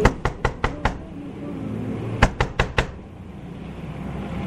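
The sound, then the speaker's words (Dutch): Two bursts of sharp knocking on a window, used in place of a doorbell, five quick raps followed after a pause by four more, distinct over a low hum of background noise. “Even kijken, we hebben zo nog geen bel. Kom eens aan de raam.”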